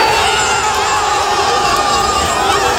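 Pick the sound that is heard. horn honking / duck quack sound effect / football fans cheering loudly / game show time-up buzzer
football fans cheering loudly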